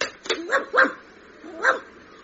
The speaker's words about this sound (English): Hang on, look, there's a stray dog in the phone box. Get up, go on, get up.